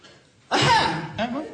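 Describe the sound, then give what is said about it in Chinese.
A single loud, deliberate cough bursts out after a brief quiet moment, followed by a shorter throat-clearing sound, made by a man's voice as a secret signal to get a young woman's attention. “哎，这咳嗽什么意思呀？ 暗号啊。”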